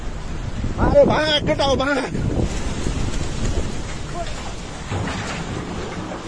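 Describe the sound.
A loud, continuous roar of a huge wave of rushing floodwater, mud and debris in Nepal, filmed by a workman who sees the water approaching and runs uphill, with voices shouting in alarm over it near the start.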